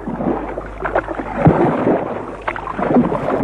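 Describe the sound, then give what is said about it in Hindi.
A barge moving through water as it is taken back to the royal palace: irregular splashes and sloshing strokes over a low, steady rumble, at a moderate, even loudness with no voices. “बजरे को राजभवन वापस ले चलो।”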